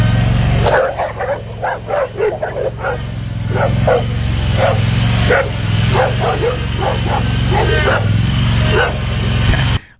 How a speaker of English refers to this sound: You got four dogs? Yeah.